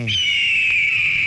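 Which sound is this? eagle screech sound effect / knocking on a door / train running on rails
eagle screech sound effect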